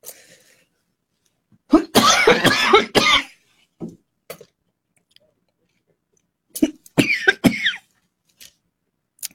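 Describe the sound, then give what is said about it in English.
A person coughs in a loud burst of rapid hacking, pauses, then coughs again in a second cluster of sharp bursts, with brief silence between. “And because of that, I'm now coughing.”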